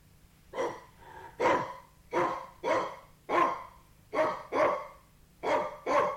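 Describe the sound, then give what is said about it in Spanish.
A small white dog barks about ten times in quick, uneven bursts, sharp and fairly high-pitched and loud, with short breathy gaps between the yaps and no one talking. “Con terror vi que era un perrito blanco fino, pero en aquella tierra de gigantes tenía el tamaño de un elefante.”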